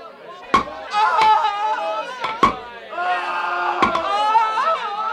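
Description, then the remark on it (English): Four sharp, heavy hammer blows strike wood at uneven intervals as Roman soldiers nail robbers to crosses in a crucifixion, while a crowd of voices murmurs and calls out steadily underneath. “Get the nails and the hammer.”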